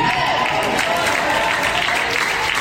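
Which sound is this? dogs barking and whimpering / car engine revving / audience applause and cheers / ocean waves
audience applause and cheers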